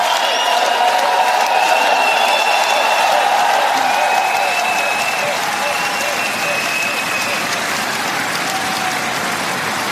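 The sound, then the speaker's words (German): A large crowd sings along together after the singer announces the song title, loud and steady, with dense clapping and cheering mixed throughout the ten seconds, like a live concert audience joining in. “Du sagst den Titel an und die singen dann.”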